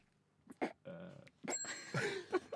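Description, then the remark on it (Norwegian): A small bell rings down by the altar at a church wedding, with a bright, lingering metallic tone that hangs for about a second, heard alongside voice-like sounds in a short recording. “Det ringte i en bjelle nede ved alteret.”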